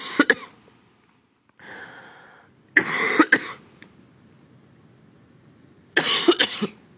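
A coughing fit: several harsh, close coughs come in short clustered bursts separated by pauses, with a raspy, breathy throat sound in between and no talking.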